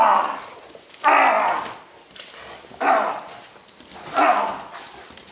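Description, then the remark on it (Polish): A police service dog at a training demonstration barks loudly, four heavy barks spaced a second or two apart, with a low rough edge between them and no talking. “Pies nie ma prawa puścić.”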